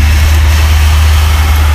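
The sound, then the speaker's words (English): A car going down a street, Cherry, gives off a loud, steady low rumble with a wash of road noise. It holds constant throughout, with no voices. “Can you guys hear the cars?”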